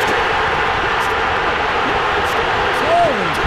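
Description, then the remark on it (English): A huge baseball stadium crowd roars after Brewers outfielder Jackson Churio's hit with two outs and the bases loaded in the 9th inning, as the Brewers beat the Padres 4-3. It makes a dense, sustained wall of noise, with scattered shouts and a brief rising whistle-like cry near the end, staying loud throughout. “Listen to how loud it's going to get.”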